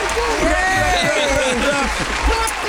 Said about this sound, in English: we are delighted to give him a round of applause.